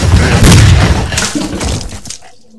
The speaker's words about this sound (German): Unglaublich. Erster Schuss in seinen Kopf hat ihn getötet.